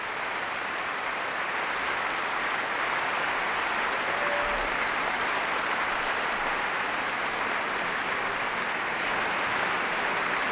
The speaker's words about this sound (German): Und da kam gerade der Leiter vom Chor und hat die Chorsolisten aufstellen lassen. Und dieser ganz besondere Applaus, der gilt dem jungen Solisten vom Tölzer Knabenchor